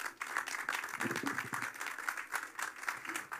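A crowd applauds with dense, steady clapping that holds at an even level for a few seconds, a bright rattling wash of many hands with no clear individual beats.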